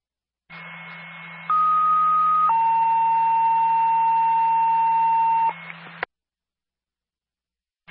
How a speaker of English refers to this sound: Linwood Ambulance Personnel, stand by for a tone.